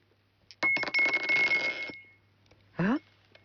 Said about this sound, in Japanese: それに続く今回は何年が出るのか、早速サイコロ振ってみたいと思います。